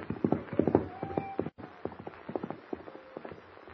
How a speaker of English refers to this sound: Bound to the saddle, Jimmy cries out in terror as the wild, unbroken horse gallops into the darkness.